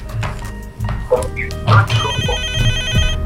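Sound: telephone ringing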